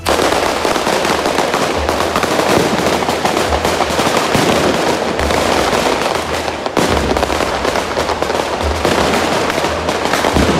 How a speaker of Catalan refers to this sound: Sí, i este matí, per a obrir boca, els assistents han participat en una despertada als voltants de l'Hotel Melià, que és on se celebra este certament.